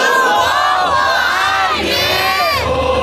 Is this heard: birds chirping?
no